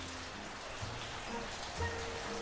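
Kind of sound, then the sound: nature, rain falling outside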